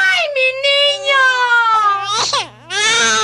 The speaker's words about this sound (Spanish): A eso de las 12 de la noche, escucharon al bebé llorando.